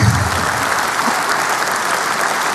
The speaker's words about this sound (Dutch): Applaus.